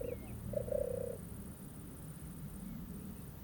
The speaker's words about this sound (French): C'est une tourterelle des bois. Elle est là. Tu vois?